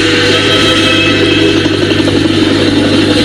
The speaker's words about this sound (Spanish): Un helicóptero, para que vean qué bien suena un helicóptero.